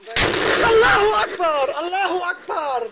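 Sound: explosion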